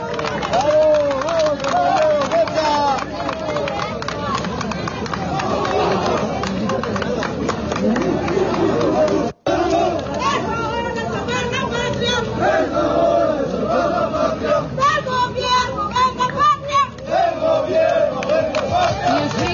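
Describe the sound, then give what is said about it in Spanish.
A large protest crowd gathers in the city of El Alto, with a dense, continuous roar of many voices shouting and chanting together, loud and sustained throughout, with a brief drop near the middle before the clamor resumes. “Así se concentran.”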